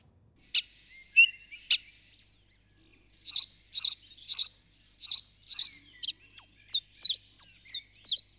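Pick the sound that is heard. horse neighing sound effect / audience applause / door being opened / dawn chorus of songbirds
dawn chorus of songbirds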